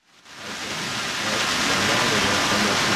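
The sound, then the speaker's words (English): A steady, dense hiss of rain falling outdoors in Jackson Hole fades in quickly and holds at an even, fairly loud level, with no voices or distinct drops standing out. “Joining us now on the set here in rainy Jackson Hole”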